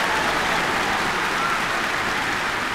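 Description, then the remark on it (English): A sustained round of applause from a large crowd of fans, dense and steady clapping at an even loudness throughout, with no voices standing out. “Thank you fans for that lovely round of applause.”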